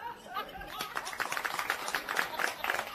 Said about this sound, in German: Ein guter Tipp, den habe ich von der … erfahren. Die Leute klatschen solange du dich verbeugst.